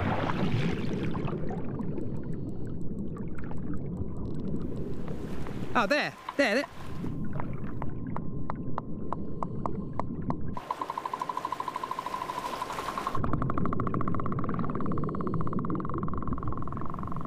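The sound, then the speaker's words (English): Sperm whale coda clicks heard through a highly directional hydrophone, a normal hydrophone welded onto a dog's bowl: a short series of sharp, regularly spaced ticks, codas that females exchange at the surface in social encounters, over heavy rumbling water and wind noise, with a brief spoken remark. “So what I'm hearing is a ticking sound. This is coda, which is a kind of dialect, a language that females use when they're at the surface.”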